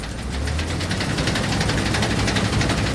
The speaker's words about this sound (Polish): ja mam dosyć stary kombaj, bo pochodzi z lat 70.